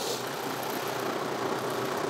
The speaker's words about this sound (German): Da bollert da der Sechszylinder.